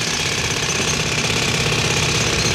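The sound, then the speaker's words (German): A jackhammer pounds away nonstop in rapid, dense bursts, loud, its harsh metallic rattle filling the space with a steady mechanical roar, hammering and drilling for the Karawanken Tunnel on the border between Austria and Slovenia, 12 August 1986. “Da hat man gehämmert und gebohrt.”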